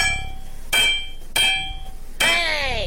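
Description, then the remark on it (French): A hammer strikes metal three times at an uneven pace, each sharp blow leaving a bright, high metallic ring; the final hit is loudest and rings out longest. “Mais c'était le marteau, bien sûr.”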